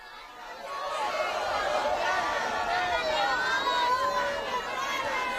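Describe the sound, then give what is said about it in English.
A large crowd in St. Peter's Square, Rome, chatters and calls out in a steady, dense babble while the Pope greets them from the Popemobile on a cloudy day, with scattered higher voices and brief cheers rising above the continuous murmur. “As we go live this morning, we see the Holy Father is still making his rounds, greeting the crowds from the Pope Mobile here in St. Peter's Square.”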